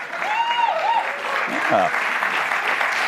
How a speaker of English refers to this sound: They're clapping for my tease.